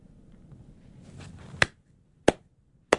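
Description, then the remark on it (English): A single man claps three times, slow and unevenly spaced, each sharp clap loud against a quiet background after a soft low rumble. “Sounds a bit pathetic, one man clapping.”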